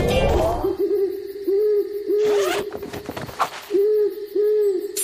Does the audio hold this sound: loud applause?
no